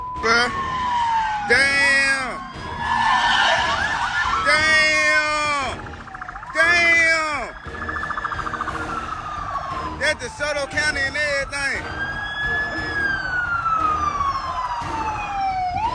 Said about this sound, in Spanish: Al escuchar las sirenas, un joven empezó a grabar y esto fue lo que captó. El sospechoso se negó a detenerse para una revisión rutinaria y enganchó a la policía en un arriesgado juego de al gato y al ratón.